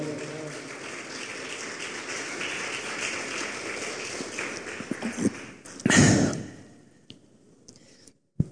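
Congregation applause giving glory to God: a steady crowd of many hands clapping for several seconds, a brief louder surge near the end, then fading to a few scattered claps and quiet.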